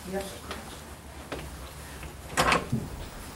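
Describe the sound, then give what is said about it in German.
A door is opened with a short latch clack and rattle midway through, after a few softer knocks and creaks, while faint voices murmur. “Open this door?”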